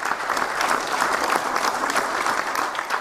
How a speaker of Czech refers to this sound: Pro diváky to bylo mimořádné setkáním a ukrajinské delegaci ve vyprodaném sále tleskali dlouhé minuty.